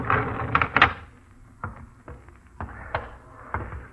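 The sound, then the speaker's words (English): A heavy door is pulled open with a burst of metallic rattling and clanking, followed by a series of sharper knocks and thuds spaced out over the next few seconds. “That's it, Marshall. Get the door.”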